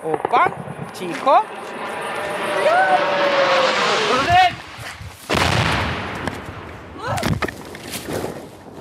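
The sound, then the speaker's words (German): The hissing, whining engine of a Russian attack drone quickly grows louder as it approaches within seconds, its pitch rising, followed by a few sharp bursts, with some voices. The drone passes a few hundred meters from a reporting team and strikes a nearby railway line. “Dann ertönt ein zischendes Motorengeräusch. Innerhalb von Sekunden kommt es näher.”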